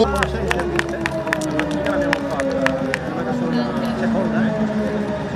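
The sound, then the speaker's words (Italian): A crowd applauds all the placed competitors at a podium ceremony, clapping in a steady rhythm for the first few seconds, the sharp claps ringing out over a busy murmur of voices and outdoor noise, then blending into the crowd hubbub. “Applausi a tutti, applausi meritatissimi.”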